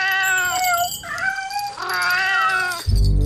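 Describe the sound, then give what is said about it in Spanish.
Several cats meow in a loud run of drawn-out, wavering cries that overlap one another, cut off at the end by a sudden low rumbling burst. “Por eso ha decidido ir a visitar a la gran emperatriz de los duendes, Su Majestad Pirulara Emperatriz, que vive de sus ciudadanos apartada en un palacio sin duendes, pero lleno de gatos con cascabel.”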